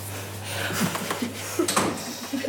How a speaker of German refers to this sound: Und Tür zu machen.